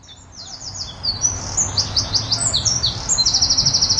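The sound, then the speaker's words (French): Several birds chirp and sing at once, a busy run of high, quick trills and whistled notes that ends in a fast repeating series, over a low steady rumble of background noise. “Mais où sont passés les oiseaux ?”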